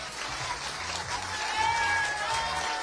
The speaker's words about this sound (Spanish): Muy bien, un aplauso más fuerte para los niños. Excelente. Felicidades. Gracias, niños.